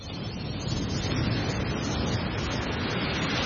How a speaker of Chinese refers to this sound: 在大热天时的时候咧，听下呢啲海浪声咧，都有种好凉快嘅感觉啊！